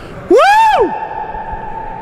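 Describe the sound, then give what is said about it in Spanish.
A single loud, rising-and-falling shout rings out, then lingers as a long, steady echo that fades slowly, as if filling a big open space. No talking. “Todo el mundo ve, sí, se escuchó el eco.”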